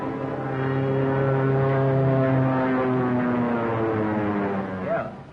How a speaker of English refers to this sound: Plane, two-seater, eh?